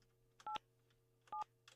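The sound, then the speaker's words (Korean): Two short telephone keypad dialing beeps as a Far East Broadcasting radio host phones an elderly listener, each a brief dual-tone chirp, spaced about a second apart over a low steady hum, fairly quiet, with no voices. “자, 전화를 잘 받으실지.”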